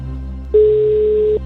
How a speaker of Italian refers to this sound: Primo squillo.